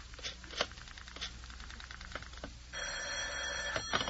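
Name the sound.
telephone bell ringing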